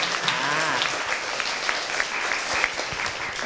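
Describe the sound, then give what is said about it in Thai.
A class of students claps steadily and fairly loudly for a few seconds at a teacher's request, a dense patter of many hands with sharp individual claps standing out, with faint voices underneath. “ขอเสียงปรบมือดังๆให้กับผู้หน่อยครับ”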